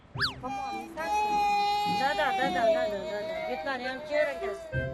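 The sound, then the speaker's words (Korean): A young child, the youngest of the family, whines and fusses on a hot day in Daegu, South Korea, a high, drawn-out cry followed by wavering, quavering whimpers that rise and fall over several seconds, fairly loud throughout. “피곤도 한데다 아마도 더워서 그랬는지 막내의 투정이 시작됐는데요.”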